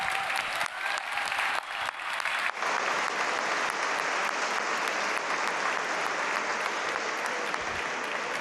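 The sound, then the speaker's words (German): Loud, sustained applause from a large audience at an awards evening, for all those nominated, a dense crackle of many hands clapping that swells after a couple of seconds and continues steadily without talk. “Das heißt, egal ob heute hier nur nominiert oder wenn ihr mit einer Auszeichnung rausgeht, lassen Sie uns starten diesen Abend mit einem riesigen Applaus bitte für all diejenigen, die heute hier nominiert sind.”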